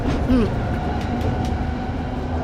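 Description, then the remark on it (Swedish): A line 3 tram rolls along its rails with a steady low rumble and a faint whine, broken by a few sharp clacks as the wheels pass over track joints. “är ute och åker spårvagn.”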